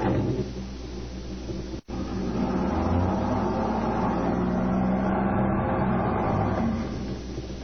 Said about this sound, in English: Come on, start the car. But I'm telling you the truth. We're stuck in this ditch. You better start the car, mister.